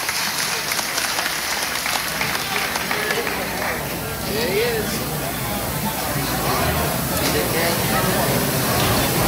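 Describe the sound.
A large audience in a big building claps steadily at night for several seconds, a dense, crackling wash of applause that stays fairly loud throughout, with faint crowd voices mixed in.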